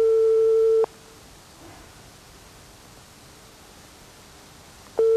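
A telephone line tone as someone places a call: a steady, mid-pitched electronic beep lasts under a second, then a long stretch of faint hiss follows before the same tone starts again. No one speaks.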